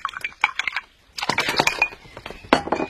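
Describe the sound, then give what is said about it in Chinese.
Rapid bursts of small, crisp computer mouse clicks, fairly quiet, in two quick clusters separated by a brief pause, with no voices, as dishes are ticked in a daily recipe menu on a computer. “哎，你过来，你看啊，你只要用这个鼠标轻轻点击一下就行了。”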